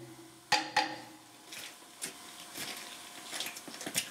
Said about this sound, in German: Ja, der Hammer ist ein Universalwerkzeug und vor allen Dingen ein verlängertes Ohr. Also wir nutzen den hier, um Schraubverbindungen abzuklopfen. Dann hören wir halt am Klang, ob die fest sind.